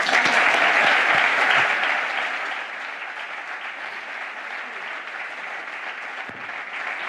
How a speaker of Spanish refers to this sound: Aplausos.